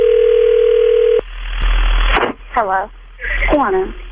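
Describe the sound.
A steady, mid-pitched telephone dial tone hums for just over a second as a call is placed to a sister, then cuts off into line hiss, followed by a voice speaking over the narrow, tinny phone connection.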